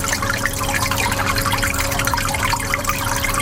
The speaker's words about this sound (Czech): Voda v nádržích neustále cirkuluje a bublá. Přes den ji navíc před sluncem chrání mokré deky.